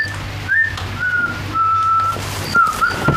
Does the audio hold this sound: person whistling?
yes